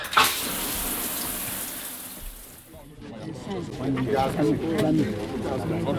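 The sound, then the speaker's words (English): Steady hiss of shower water running for about three seconds, fairly loud, then the spray fades out and voices take over for the rest. “I better get out my feet and in the shower.”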